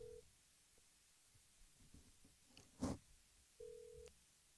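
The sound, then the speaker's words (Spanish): Outgoing call ringing with no answer: a steady ringback tone buzzes briefly, a sharp click breaks the quiet, then the tone repeats. Faint and no voices. “Yo le hago una llamada telefónica.”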